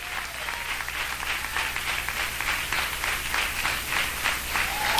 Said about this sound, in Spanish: Y se da palmas a Dios, désela con todo el corazón.